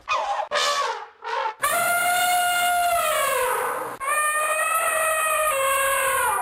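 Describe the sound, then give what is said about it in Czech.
An elephant trumpets: three short rising blasts, then two long, loud, brassy calls with rich harmonics that sag slightly in pitch. No talking. “Kdo to je? To je on, malý slon, co se učí na trombon, zatroubí, když dáš bonbon.”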